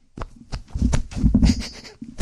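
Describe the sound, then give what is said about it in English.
Armpit farts made with a hand pumped against an armpit as an ASMR sound: a run of loud, wet, low squelching pops, several short bursts plus a longer sputtering one in the middle. “Armpit farts.”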